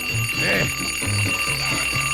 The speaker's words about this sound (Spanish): Claro, le suena el despertador y más bien lo apaga y se voltea para otro lado.